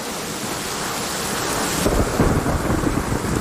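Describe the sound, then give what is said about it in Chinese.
Steady heavy rain hisses throughout, and low rumbling thunder swells up partway through and rolls on beneath the downpour in a mountain thunderstorm. No voices are heard. “降温、阵风、暴雨、大雪，以及强烈的雷暴，都会给飞行带来危险。”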